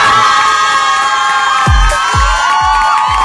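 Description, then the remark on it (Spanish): A loud crowd cheers and whoops in a dense, continuous roar of applause, with steady low thumps beating through the noise near the end. “A todos los Luises, felicidades hoy en su día. Ahí estamos, un aplauso, compadre.”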